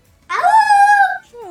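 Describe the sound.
A person imitates a werewolf's howl: one loud, long, harmonic 'aooo' that rises and then holds steady for about a second, followed by a short falling second cry.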